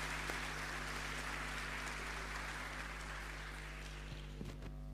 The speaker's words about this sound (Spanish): Ahí tenemos a una mamita, le damos un aplauso.